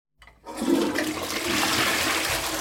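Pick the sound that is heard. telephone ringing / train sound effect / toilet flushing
toilet flushing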